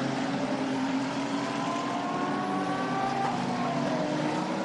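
A Porsche safety car's engine drones steadily and loudly during an endurance race at the Autodromo, its harmonic whine climbing gradually in pitch as it picks up speed climbing the hill to Acqua Minerale, with no voices over it.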